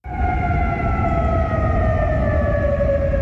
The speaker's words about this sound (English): A siren in Kuwait City warns of incoming Iranian fire.